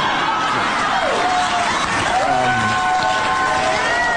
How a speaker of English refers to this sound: Listen to that crowd. Oh, boy.